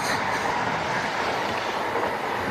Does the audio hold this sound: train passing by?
yes